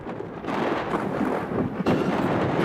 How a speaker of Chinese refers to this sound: 话音未落，顷刻间天空雷声大作，电光频闪，一阵强降雨夹杂着冰雹倾泻而下。气象部门的监测数据显示，大明县当晚出现了雷雨天气，雷雨时伴有雷暴大风、短时强降雨、冰雹等强对流天气